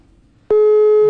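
After a brief quiet moment, a WhatsApp call ringing tone starts abruptly as a call is placed to someone in another country: a loud, steady electronic beep holding one pitch, clear, with no voices.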